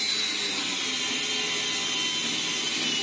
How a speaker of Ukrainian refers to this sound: Ми зараз от знаходимося в гаражі, і зараз хлопці прямо тут, вони практикуються ремонтувати дрони.